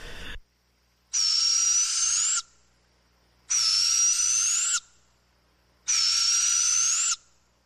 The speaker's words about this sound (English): Yeah, I mean, it had to be an owl. I'm not positive. It was long enough ago. But I think we mainly are just hearing barred owls where we are. You would have other species, but barred owls are pretty darn loud.